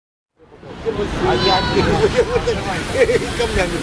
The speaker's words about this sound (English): Welcome to the beach in Odessa, the queen of Ukraine's resorts, the pearl, as it likes to call itself, of the Black Sea. It's a sunny summer Saturday and the shingles packed here, with people lying on beach mats, people queuing for ice creams